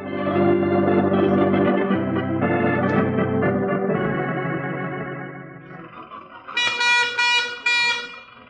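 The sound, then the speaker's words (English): An early, old-fashioned motor car horn honks loudly while the car is being driven, in a run of long, blaring tones that shift in pitch, ending with a brighter, shriller blast. “I never realized the utter imbecility of barnyard fowl until I started to drive a car.”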